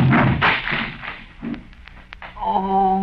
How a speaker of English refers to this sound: Well, I don't know about that, but you threw me too hard, Cedric. Look there, you broke Lum's chair all to pieces.